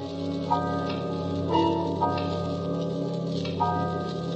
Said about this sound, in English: The house was quiet with only the ticking of the big hall clock.